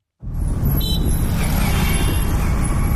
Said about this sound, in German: Eine belebte Verkehrskreuzung in der südindischen Stadt Hyderabad. Es ist heiß, laut und die Luft voller Abgase.